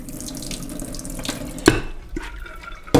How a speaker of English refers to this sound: And I'm just going to add water, which will be then used for final cooking. How much water are we adding? For 1.5 cups, I would add 1 liter of water.